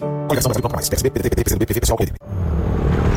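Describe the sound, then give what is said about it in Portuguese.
A person talks for about two seconds, then a motorcycle engine rumbles steadily and loudly as it passes, with a thin high whine riding over the low drone until the end. “Amor, ouviu essa moto?”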